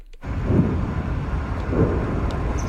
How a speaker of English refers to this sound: Distant explosions rumble through the air just south of Moscow following one of Ukraine's largest drone attacks of the war.